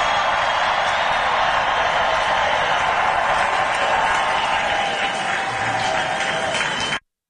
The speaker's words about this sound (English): It is historic, and you can tell the crowd loves him. You can hear the roar of the crowd. They absolutely adore President Trump.